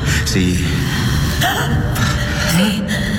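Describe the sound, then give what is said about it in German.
A woman who was believed dead and laid out among the dead draws a sharp, ragged gasp followed by heavy breaths as she starts breathing again, fairly loud, with a dense rumbling background beneath. “Sie atmet wieder.”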